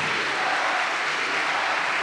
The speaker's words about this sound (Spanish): Pues fuerte el aplauso a Cristo, mis hermanos.